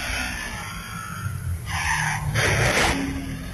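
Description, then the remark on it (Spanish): A motorcycle skids and crashes in front of a Chedraui store, recorded on video from a long distance: a low engine rumble, then two harsh, hissing bursts of scraping noise in quick succession, the second louder, with no voices. “Y lo malo es que ahora cuando quedas grabado en video, no hay más que la burla de tus amigos de saber que tú fuiste el que se accidentó en la motocicleta allá frente a Chedraui.”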